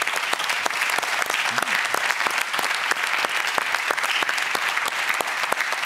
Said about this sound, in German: Applaus.